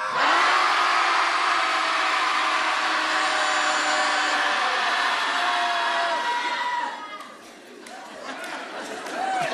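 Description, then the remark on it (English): A group of people, counted in with 1, 2, 3, yells together in one long, loud, sustained roar lasting several seconds to let it out, then breaks off into scattered quieter shouts and noise. “So when I say, I'll say 1, 2, 3, and then we'll all just let it out.”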